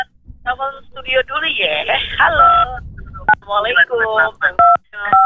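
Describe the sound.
Several short telephone keypad tones beep at irregular intervals as a caller presses number buttons during a call to a radio studio, clear and fairly loud over a person talking through a phone line.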